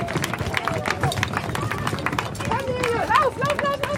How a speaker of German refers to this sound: So klingen die ersten Schritte auf dem Brückenbelag. Denn Kindergartenkinder und eine Läufergruppe waren die ersten, die die Brücke unter die Füße bekamen.